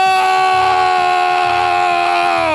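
Women fans let out a loud, sustained high-pitched scream that holds steady for the whole moment, with a faint rhythmic thump underneath and no talking.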